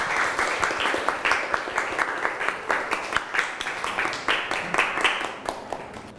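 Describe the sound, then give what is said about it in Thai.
A group claps steadily for about six seconds, a dense, even patter of many hands with no pause, as a classroom applauds a classmate after the classmate's presentation on the parts of an atom. “ปรบมือเพื่อนครับ”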